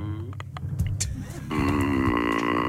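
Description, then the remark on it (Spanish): Heard over a phone call: a few scattered clicks over a low rumble, then a loud, steady engine drone of motorcycles passing by cuts in halfway through, holding a buzzing tone until the end. “Yo como motos que está pasando.”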